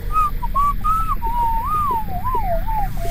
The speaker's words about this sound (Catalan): No pares de xiular-la?